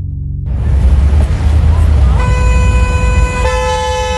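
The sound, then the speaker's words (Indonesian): Car horns blare over a dense rumble of traffic in a traffic jam, with long, sustained honks starting midway and a second horn joining near the end, loud. “Duh, macet banget nih.”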